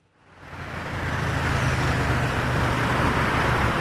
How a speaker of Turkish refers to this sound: Arkandaki şöyle trafik durumuna bakıyorum ama sen bize daha detaylı bir şekilde aktaracaksın.